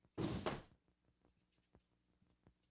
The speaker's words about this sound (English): I gotta close the door.